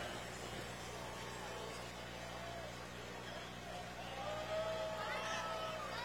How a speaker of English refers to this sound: McCormick Farmall H tractor.